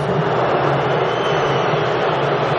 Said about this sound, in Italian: Fischi sentite in sottofondo che arrivano dai 71.000 dell'Atlanta Stadium.